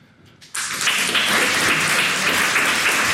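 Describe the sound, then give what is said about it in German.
A crowd bursts into loud, sustained applause after a brief quiet moment, many hands clapping densely together and holding steady for several seconds. “Könntet mal alle klatschen, die das so ein bisschen übergriffig finden?”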